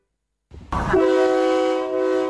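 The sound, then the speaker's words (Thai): A low rumble of a State Railway of Thailand air-conditioned KiHa 40/48 diesel railcar on the Don Mueang–Ayutthaya route comes in, then a loud, steady train horn blares and holds without pause until the end. No one speaks. “มาแล้วมาแล้วจ้าจ้า การรถไฟแห่งประเทศไทยเปิดให้บริการขบวนรถดีเซลรางปรับอากาศคิฮะ4048เส้นทางดอนเมืองอยุธยา”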